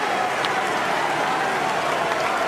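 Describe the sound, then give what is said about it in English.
A steady wash of crowd noise from a near-capacity ballpark crowd at a night baseball game, cheering and clapping blended into a continuous roar that holds at an even level throughout, with no voices speaking over it. “A near capacity crowd here tonight, so the adrenaline is flowing”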